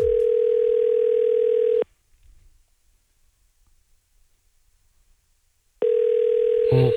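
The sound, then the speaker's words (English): A phone line rings out with a steady electronic tone, once for about two seconds, then again after a long silent gap, the second ring cut short by a click as the call connects. “Let's see if the person at the other end of this phone number has the chaos code word that we require.”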